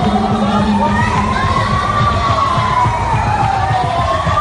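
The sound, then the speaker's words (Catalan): A panicked crowd screams and shouts in a dense, continuous din amid injured victims on the ground and surging crowds, while a siren wails slowly up and down over the chaos, loud throughout. “Els crits, les víctimes ferides al terra, les allaus de gent”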